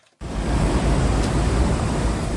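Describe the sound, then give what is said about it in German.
A steady, dense hiss of spraying water begins abruptly and continues evenly: a public mist sprinkler, or water curtain, in Poland spraying fine droplets on passers-by to cool them, with no voices. “Eine Sprinkleranlage sprüht feine Wassertropfen auf alle, die vorbeikommen.”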